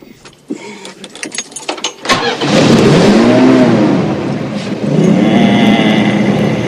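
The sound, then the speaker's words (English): A grandfather turns the ignition of his car; the engine cranks over with a quick series of clicks and sputters, then catches and settles into a loud, steady idle with a low rumbling hum as it warms up. “Then, grinning, Grandpa turns on the ignition.”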